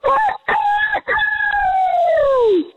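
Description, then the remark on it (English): A man imitates a rooster's crow: a few short choppy bursts, then one long drawn-out call that slides gradually downward and fades at the end. Loud, with no other sounds. “I would say the open is stronger than the close, but overall, a great rooster crow.”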